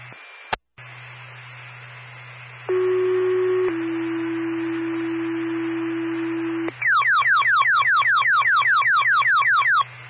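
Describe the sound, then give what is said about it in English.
Fire dispatch paging tones over a radio channel with a steady hum, sent before a call for a building fire alarm: a pitched tone, then a lower held tone, followed by a rapid, loud, repeating warbling chirp alert. “Stand by for tone.”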